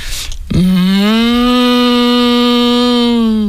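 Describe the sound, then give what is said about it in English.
A person imitates a cow with one long, steady, droning moo that starts abruptly and holds for about three seconds, loud, with no other sounds around it. “Think I do a good cow.”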